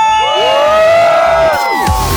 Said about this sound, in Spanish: Y como se grita aquí y en todo San Pedrito, en todo Tlaquepaque, aquí suena ¡La Qué Buena 97.1! ¡Y venga ese grito!